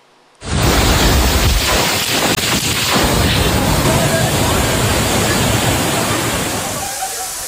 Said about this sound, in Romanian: O furtună puternică a lovit cel mai mare oraș al Elveției și a lăsat în urmă distrugeri importante. Sunt și răniți.